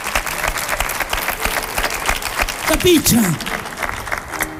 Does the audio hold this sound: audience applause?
yes